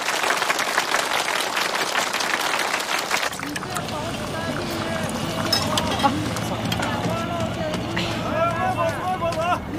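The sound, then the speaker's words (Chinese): A few seconds of brisk, dense clapping from a group, loud and crackly, which then fades out as several people begin chattering over one another. “鼓掌，鼓掌。”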